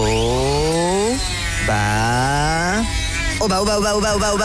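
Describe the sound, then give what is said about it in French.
A jigsaw motor whines up in pitch three times in quick succession, then settles into a steady, rattling buzz, loud with no one talking. “On a oublié de parler de la scie sauteuse.”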